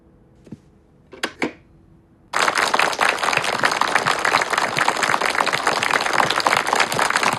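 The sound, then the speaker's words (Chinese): A few scattered claps come first, then a large audience bursts into sustained, dense applause that holds loud and steady to the end. “我在七七二中全会上讲的少鼓掌，现在看来不起作用啊。”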